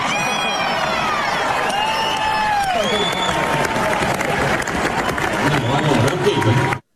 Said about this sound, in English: Big cheer from the crowd. Big laugh to that.